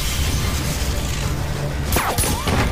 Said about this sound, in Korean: 격분한 오대수가 마구잡이로 총을 쏴대는데 송상득이 샹들리에를 쏘아 떨어뜨린다.